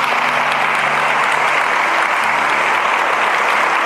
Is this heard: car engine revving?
no